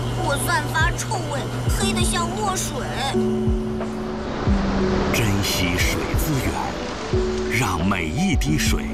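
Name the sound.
water running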